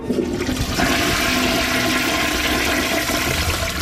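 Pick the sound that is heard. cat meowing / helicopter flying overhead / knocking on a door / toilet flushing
toilet flushing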